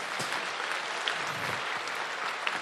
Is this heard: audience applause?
yes